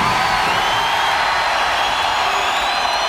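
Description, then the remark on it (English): A large concert crowd roars and cheers continuously, a dense, loud wash of voices with whoops and whistles rising above it, sustained without a break. “You sound like a very energetic crowd.”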